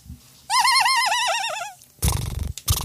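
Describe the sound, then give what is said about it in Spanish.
A child's voice imitates a horse whinny, a bright, quavering, wavering cry lasting over a second, followed by bursts of loud noisy rustle or laughter. “¿Cómo hace un caballo”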